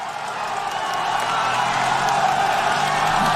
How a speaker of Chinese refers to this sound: 赛道两边热情的观众人山人海，在为参赛的选手们加油鼓劲儿。